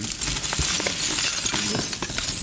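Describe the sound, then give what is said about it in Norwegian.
Small hard leftover silicon pieces clink and rattle against each other in a box at a laser cutter used to cut samples, a busy glassy jingling that continues steadily for a couple of seconds, fairly loud, with no one speaking. “Her har vi en hel boks med masse leftover silisium.”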